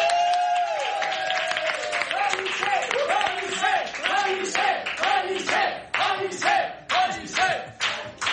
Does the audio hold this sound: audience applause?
yes